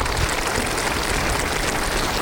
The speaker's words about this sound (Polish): I tu bym chciał usłyszeć brawa dla pana prezesa, bo to jego święto.